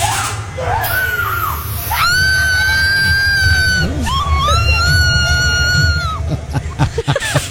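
A woman at the Duchess Manor haunted house lets out two long, piercing screams of fright, loud, each held for a couple of seconds, with a shorter cry before them and a steady noisy rumble underneath.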